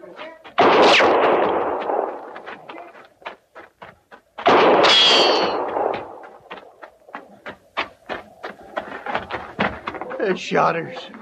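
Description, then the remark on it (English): Two loud, booming gunshots, fired by shooters at an army horse, each trailing off in a long rumble, give way to a rapid, uneven volley of sharp cracks, with a voice calling out near the end. “No reason for them shooting a horse.”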